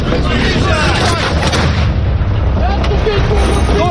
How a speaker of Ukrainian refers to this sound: Броньовик здригається від близьких вибухів.